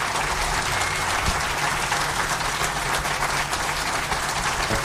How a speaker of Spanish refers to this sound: Vamos a despedir, muy contentos de haber recibido tanto aplauso. Capaz que despierte en la noche y está aplaudiendo. Y gracias por su cariño.